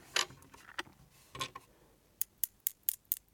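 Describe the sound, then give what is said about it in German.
A coin struck several times in an irregular series of short, dull metallic clicks, each stopping abruptly with no lingering ring; fairly quiet, with no one talking. “Das macht ein ganz dumpfes Signal, was auch relativ kurz ist und nicht diese lange, schöne Welle quasi hinter sich herzieht.”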